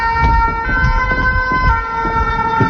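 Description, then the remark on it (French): Fire engine sirens wail steadily through a busy street in the city centre of Amiens, their sustained tones loud over rumbling traffic and low engine noise, with no one talking. “On est finalement en plein centre-ville d'Amiens, on entend les sirènes des pompiers, et c'est la Somme.”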